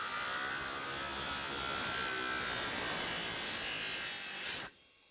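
An angle grinder cuts through a metal grate to remove it from the top, with a loud, steady, harsh grinding whine, running continuously before cutting off abruptly near the end. No one speaks.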